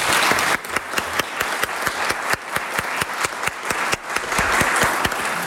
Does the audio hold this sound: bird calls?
no